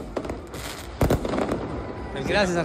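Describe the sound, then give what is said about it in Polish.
Fireworks crackle and bang in several sharp bursts, the loudest around the middle, over a steady roar of a large outdoor crowd of Argentina football fans celebrating in the streets of central Buenos Aires, with voices shouting near the end. “Na ulicach centrum Buenos Aires fani Leo Messiego i jego kolegów i tak tańczyli, śpiewali i odpalali fajerwerki do drugiej w nocy.”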